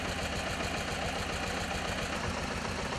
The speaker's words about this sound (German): Den größten Teil aber bilden historische Traktoren, bei denen man auch noch sieht, wie der Motor arbeitet.